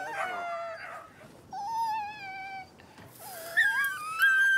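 A puppy whines in several high, drawn-out cries, each wavering in pitch, the last rising sharply into a thin squeal. No one speaks.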